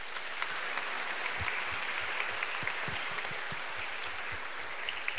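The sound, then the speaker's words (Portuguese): An audience claps steadily throughout, a dense, even wash of many hands with a few sharper individual claps standing out, sustained at a fairly constant level with no speech, as applause for Pope Leo XIV. “Então, o nosso Papa Leão XIV, o nosso respeito, a nossa gratidão e as nossas palmas, bem forte.”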